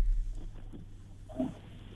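A pig grunts a couple of times, short low snorting bursts with a brief gap between them, fairly close against a quiet background hum.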